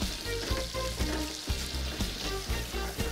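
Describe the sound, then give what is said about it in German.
Butter sizzles and crackles steadily as it browns in a hot frying pan in which meat was just fried, with faint regular knocks like a utensil stirring through it. No one speaks. “Ja, und in der Pfanne bei mir jetzt da, wo das Fleisch gebraten wurde, habe ich jetzt hier so eine schöne braune Butter gemacht.”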